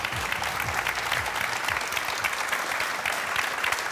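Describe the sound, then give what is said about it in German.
Sustained studio audience applause in the ZDF WM-Arena in Berlin during a live World Cup broadcast, a dense, steady wash of many hands clapping that stays loud and even throughout, with no voices rising above it. “Hört gar nicht mehr auf, der Applaus.”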